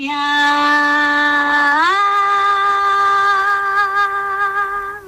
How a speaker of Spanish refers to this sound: Voy a poner un gritito final. Vale, venga. El mismo grito de ambas personas que ya han grabado. Empiezo por el mío, ¿vale?